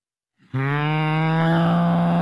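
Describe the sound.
A person's voice imitates a cow, holding one long, loud, steady moo after a brief low start, with no other sounds around it.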